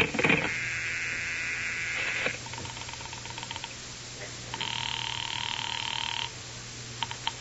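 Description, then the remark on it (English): Two long, steady ringback tones sound through a telephone line, each lasting about two seconds with a pause between, over a faint low hum and light clicks, as a call is placed to the telephone operator to report a phone that is out of order. “I better call the operator.”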